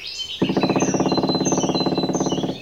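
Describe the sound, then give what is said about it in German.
A great spotted woodpecker, clinging to a tree trunk, drums its pointed beak against the bark in a rapid, even burst of knocks lasting about two seconds, fairly loud, with faint bird chirps in the background. “Der Buntspecht trommelt.”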